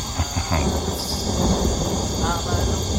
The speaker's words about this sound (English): There's an ominous storm brewing out there.